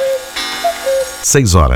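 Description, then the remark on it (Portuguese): A radio time signal on Rádio Difusora marks the 6:30 time check: a few short, steady electronic pips at a mid pitch, spaced apart over a faint background, before a man's voice starts talking loudly at the end. “Atenção, ouvintes, para a hora certa. Confira os seus relógios.”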